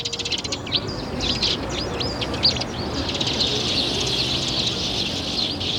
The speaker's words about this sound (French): Mais c'est fou ça! On peut jamais boire son café et manger un petit croissant en terrasse sans que tout de suite vous débarquiez, les moineaux!